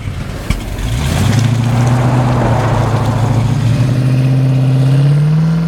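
Someone's first car starts with a sharp click, and its engine rises into a steady, loud rumble that climbs in pitch as it revs and pulls away. No one speaks.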